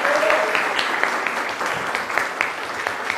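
A crowd applauds steadily, a dense wash of many hands clapping with scattered sharper claps poking through, sustained at an even, fairly loud level without any voices.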